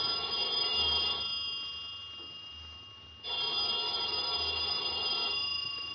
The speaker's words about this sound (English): About noontime, when the phone rang, I knew it was the clerk downstairs calling because I'd left a call for 12. I let the phone ring.